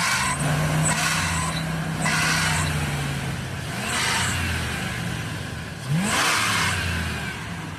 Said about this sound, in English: Yeah, like if I'm pulling out of a parking lot or trying to pass you. So maybe. So it's when the engine's really rev?